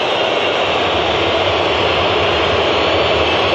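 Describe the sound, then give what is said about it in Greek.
A stadium crowd boos in disapproval, a loud, steady wall of jeering voices that holds without a break for several seconds, with no speech audible over it, during a Portugal football match. “Ακούγονται αποδοκιμασίες.”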